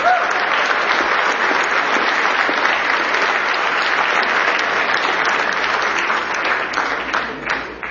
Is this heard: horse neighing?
no